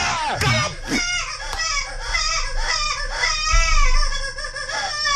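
A baby cries loudly and continuously, its high, wavering wails rising and falling over a steady low background hum.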